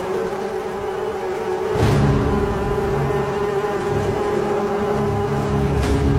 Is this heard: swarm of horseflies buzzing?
yes